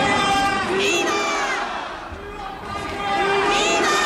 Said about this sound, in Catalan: Clar, respon als crits de viva, viva, a un viva Espanya, eh?